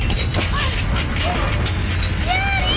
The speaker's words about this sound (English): What's going on? It's an earthquake! Daddy! Everybody, take cover!